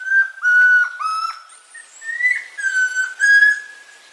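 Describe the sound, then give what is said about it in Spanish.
A chestnut-crowned antpitta (tororoi comprapan) trill from the Banco de Sonidos de Aves Colombianas, compiled by the Instituto von Humboldt and Cornell University: a run of clear, ringing whistled notes, some steady and some sliding slightly, loud, with no talking. “El trino del tororoi comprapan forma parte del Banco de Sonidos de Aves Colombianas, recopilado por el Instituto von Humboldt y la Universidad de Cornell.”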